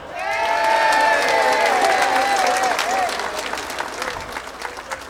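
A crowd bursts into steady, loud applause with cheering and whistles rising over it as a new member of a polka band is introduced, then the clapping thins and fades over a few seconds.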